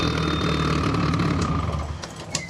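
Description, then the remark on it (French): A car engine, with its exhausts on the hood, runs steadily: a dense, low, rumbling drone with a constant hum that eases slightly toward the end, with a few faint clicks and no voices. “Ah bon, on s'entend mieux quand ça tourne plus le moteur là, dis donc.”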